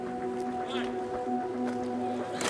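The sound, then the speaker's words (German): A steady boat engine drones with a low humming tone on the Blue Lagoon between Malta and Gozo, water sloshing and splashing around it, and faint voices murmuring in the background. “In der blauen Lagune zwischen der Hauptinsel Malta und der Nebeninsel Gozo tummeln sich Boote jeder Größe.”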